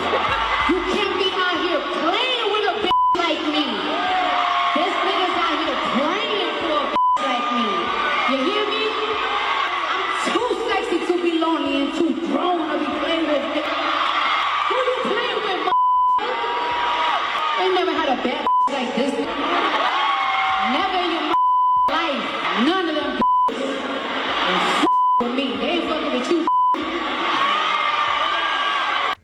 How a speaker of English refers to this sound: That's why, you know what I'm saying, you hear them beeps in there.